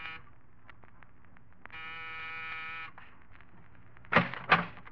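An apartment door buzzer in an apartment building in New York's East 70s is pressed and sounds once, a steady electric buzz held for about a second, preceded by faint clicks and followed by two sharp, louder bumps.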